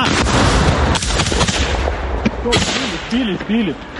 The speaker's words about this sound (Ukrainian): У цей час у небі лунає знайоме дзищання. Неподалік FPV-дрон. Хлопці відкривають вогонь.